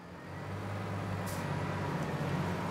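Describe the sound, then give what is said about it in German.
A heavy diesel tractor engine drones loudly, its deep rumble holding steady under load and swelling slightly as it fails to pull a wagon stuck fast during the maize harvest, with a brief hiss partway through and no voices. “Der Trecker schafft es nicht.”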